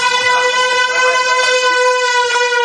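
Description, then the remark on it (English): A loud, sustained air horn blast with a brassy, buzzing tone holds steady for the whole stretch, piercing, with no talking over it, as people carrying the air horn run into a building. “You got the air horn, they run in with the air horn.”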